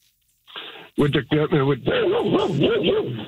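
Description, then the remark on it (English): A dog inside a truck barks several times in quick, sharp bursts, then breaks into a wavering, whining howl that rises and falls. The sound is fairly loud but muffled and narrow, as if heard over a phone line. “Sorry about that. My dog's in the truck.”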